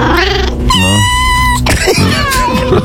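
A cat meows loud and drawn out, with a long gliding call followed by a second, shorter wavering meow, and no talking over it, as the first lucky number is announced.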